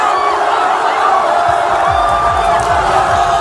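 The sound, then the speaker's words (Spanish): A large crowd in Asturias, Spain, cheers and shouts continuously, celebrating Spain's football victory, a dense roar of many voices with rhythmic chanting swells, loud, filling the whole short stretch. “Bueno, no hay rincón de Asturias, no hay rincón de Asturias que no haya celebrado la victoria de España, no hay aldea, no hay pueblo, no hay villa, no hay ciudad en todo el Principado donde el griterío y la alegría no se haya escuchado.”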